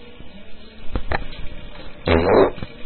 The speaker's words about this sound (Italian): Ah, hai ascoltato un peto in diretta. Ah, che bello.